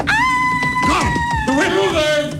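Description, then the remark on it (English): A woman lets out a long, loud, high-pitched scream that holds a steady shrill note before wavering and dipping near the end, with lower murmuring sounds underneath. “…, can you scream?”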